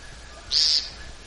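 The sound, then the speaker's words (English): A whippoorwill calls once, a short, bright, high note that rises out of a quiet, faintly hissing night background and stops abruptly, with no voices nearby. “You can hear the whippoorwill, also still whippoorwilling.”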